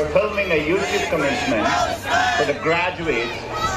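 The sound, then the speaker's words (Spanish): A crowd of graduating students shouts in protest at a commencement ceremony during a speech by Google CEO Sundar Pichai, many raised voices overlapping in loud, sustained cries in favor of Palestine that rise and fall in pitch, carrying on steadily with no clear pause. “Incluso gritan a favor de Palestina.”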